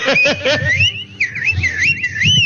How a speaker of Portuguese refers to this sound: Aí, ó. Ó, diz que é perigosíssimo assobiar em casa à noite, viu? Aí, tá vendo, ó?